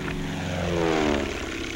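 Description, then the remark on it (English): A propeller airplane roars steadily overhead, its droning engine pitch sliding gradually downward as it passes. The sound stays loud and continuous throughout, with no voices. “the planes have to be strong, yet capable of a cruising speed of over 120 miles an hour.”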